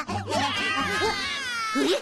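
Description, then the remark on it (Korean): A baby cries and screams in wavering, high-pitched wails that rise and fall continuously for about two seconds, fairly loud, over a low steady hum. “슈퍼잭, 비명소리야. 악당들이 먼저 왔나 봐. 아기들이 위험해!”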